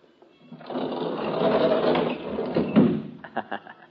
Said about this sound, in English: And close that door, will you?